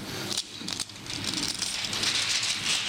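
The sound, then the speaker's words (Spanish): Continuous crinkling and rustling of plastic wrap being peeled off a Catholic Bible, a dense crackly texture with a few brief sharper bursts, steady and moderately loud with no voices. “Éxodo capítulo 20, por favor, vamos a quitar el plastiquito este.”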